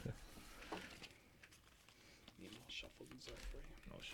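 Quiet, papery riffling and soft flicks of ranking cards being shuffled for a game, with brief bursts of rustling and faint murmurs in the background.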